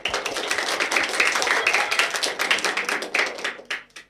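A crowd applauds steadily, many hands clapping in a dense, crackling wash that stays fairly loud for about four seconds before thinning into a few last claps and fading out.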